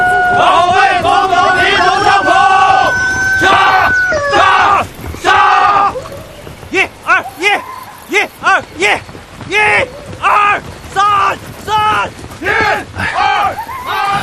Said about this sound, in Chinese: 一个清晨，在中央红军驻地江西瑞金马道口村，晨曦中，战士们在晨练，跑步声、喊杀声、口号声此起彼伏，炊烟袅袅中，伴随着几声公鸡的啼鸣和牛啊狗啊的叫声，这情景真是好不热闹。